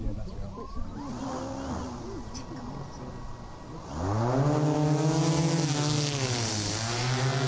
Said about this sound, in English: That's not the sound of a whippersnipper flying. It's a drone demonstration at the Agriculture Careers Day at the University of Melbourne's Dookie campus, where the future careers in agriculture could be launched.